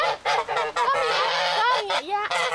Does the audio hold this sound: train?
no